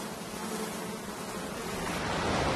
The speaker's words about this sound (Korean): 바다 사자들이 아주 평화로운 삶을 사는 것 같지만 한 가지 성가신 것이 있습니다. 바로 파리죠.